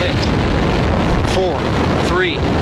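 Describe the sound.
A loud, continuous rumbling roar of RS-25 rocket engines igniting during the countdown before the Artemis 2 launch to the moon, dense and steady throughout, with a voice briefly speaking over the din.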